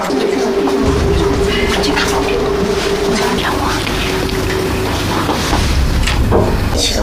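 Machinery of two elevators in a building's elevator machine room drones through the wall the room shares with an apartment's bedroom and living room: a steady low hum with a sustained tone for about five seconds, over continuous rumbling and faint mechanical clattering, loud and unbroken throughout.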